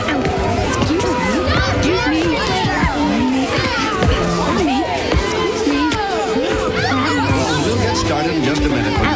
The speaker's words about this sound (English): This is some crowd. You're telling me. There must be 100 people here. At least. Do you normally have this many?